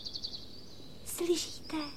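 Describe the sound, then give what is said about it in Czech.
A small bird sings in quick, high-pitched chirps that trail into a thin sustained whistle, fairly soft, then brief bursts of voices cut in over it. “Slyšíte toho ptáčka, jak krásně zpívá, vidíte?”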